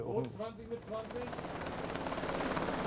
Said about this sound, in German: Insgesamt 10-mal landet und startet der 11 Tonnen schwere Hubschrauber auf dem schwankenden Stahl.